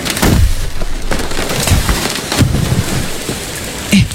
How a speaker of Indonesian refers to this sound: Kalian dengar suara pohon tumbang gak? Iya.